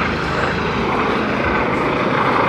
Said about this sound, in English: This helicopter is directly overhead. I've never seen one so close. It's bizarre.